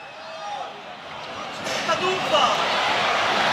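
A couple of sharp firecracker pops burst out over a steady roar of a stadium crowd during a football match between Beitar Jerusalem and Maccabi Haifa, the bangs short and moderately loud against the constant background noise.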